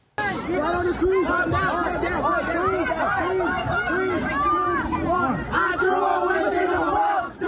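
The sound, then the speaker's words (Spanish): A dense crowd of about 500 teenagers shouts and yells over each other continuously during an unauthorized gathering that turned into a riot in a shopping mall in Aurora, Colorado; a loud, chaotic babble with rising cries and whoops throughout as youths climb on tables and fight. “Videos grabados por testigos muestran a jóvenes gritando, subiéndose a mesas y protagonizando peleas.”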